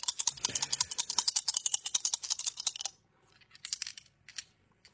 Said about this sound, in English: How long does it take to throw those dice? I mean, just tumble them and throw them. Don't take forever.